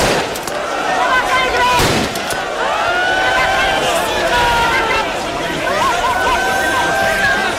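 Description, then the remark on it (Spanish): A sharp gunshot cracks out near the start over a loud, agitated crowd, with shouting and whistling voices continuing throughout, as police officers fire shots into the air to control a surging crowd during an early-morning transfer of migrants. “Los agentes han tenido que lanzar disparos al aire para tratar de controlar la avalancha durante ese agitado traslado.”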